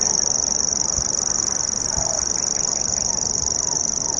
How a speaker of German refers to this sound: Dieses Geräusch hier prägte die ersten Stunden unserer Wanderschaft, denn der Feldschwirr, Schwirr, ne, Nomen est Omen, das schwirrt wirklich so vor sich hin, gehört zu einer kleinen Familie äußerlich recht unscheinbarer Vögel